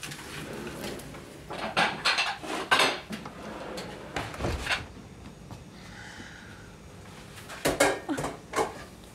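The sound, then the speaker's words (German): Plates and cutlery clatter and clink in irregular bursts, with sharp ceramic knocks and scraping, a quieter lull in the middle before a few more bright clinks at the end. “Die Teller? Da.”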